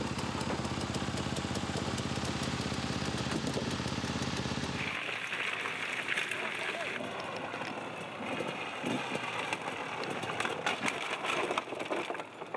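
A loud motorcycle engine roars steadily for about five seconds, then its deep rumble drops away, leaving a thinner, rougher mechanical drone with scattered clatter.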